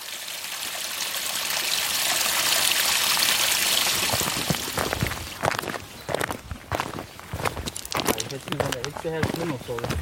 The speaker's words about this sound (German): Aber Pluspunkt, neben uns plätschert auf der einen Seite ein kleines Rinnsal, auf der anderen Seite rauscht der Dürnbach.